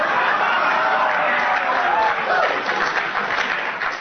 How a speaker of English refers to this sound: Applause.